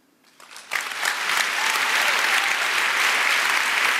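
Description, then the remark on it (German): An audience bursts into applause after a statement by comic artist Birgit Weihe, starting sparse and quickly swelling into a loud, dense, steady clapping that holds for several seconds with no voices over it. “Ja, und bei so einem Satz, da geht natürlich auch das Publikum voll mit.”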